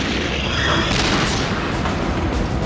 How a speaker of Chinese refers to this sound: 随着一声爆炸，我看见车上的一条履带被炸上了天，接着又飞来一枚炮弹，直接就掀掉了坦克的车顶，然后是第三发炮弹击穿了坦克的后部，我们当场就动不了了。